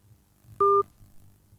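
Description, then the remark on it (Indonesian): A single short electronic telephone tone, a steady dual-pitched beep lasting about a quarter second, sounds clearly over faint low background hum as a listener's call on a radio station's phone line drops. “Oke, terputus dua-duanya. Kenapa ya? Apa line telepon kita yang bermasalah atau seperti apa ini Bang Operator?”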